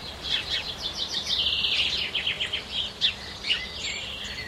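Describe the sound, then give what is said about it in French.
Birds chirp and trill continuously in a wood around a very small red-roofed farm, several overlapping high calls over a soft steady background hush, with no voices. “Une toute petite ferme à toit rouge au milieu d'un bois plein d'oiseaux.”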